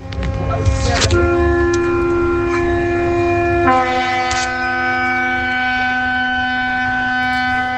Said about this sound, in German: Was ist das, ein Hafen? Ist das ein Schiff oder so? Ist das? Das ist ein Schiff? Ja. Habt ihr recht, ja.